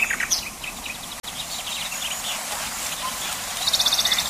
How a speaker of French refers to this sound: Le rossignol est universellement réputé pour la perfection de son chant.